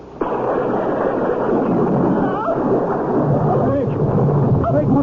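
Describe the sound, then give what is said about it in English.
A sudden crash of thunder from a lightning strike bursts in after a brief lull, then rolls on as a loud, continuous roaring rumble for several seconds, with faint voices buried beneath it. “Something struck me like an enormous ball of lightning.”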